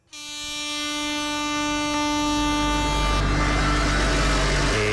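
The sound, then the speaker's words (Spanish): A loud tractor horn blares in one long unbroken blast for nearly five seconds during a farmers' tractor protest march of about fifty tractors in the Álava capital, Basque Country, Spain. Rumbling tractor engine noise swells beneath it. No one speaks. “De las bocinas y los motores se ha vuelto a escuchar en la capital alavesa.”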